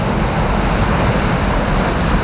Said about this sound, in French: vous entendez la plage, la mer, les vagues, on va où? Madagascar.